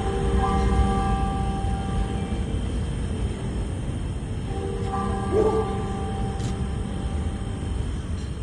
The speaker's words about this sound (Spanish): Solo el sonido de las campanas